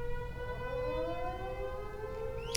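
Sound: tornado warning sirens wailing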